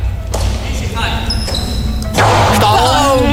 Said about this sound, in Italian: Tu considera che la palla può raggiungere velocità tipo intorno ai 300 km orari. Cioè, giusto, quindi... per farti sentire come suona questa palla, quali botte prende.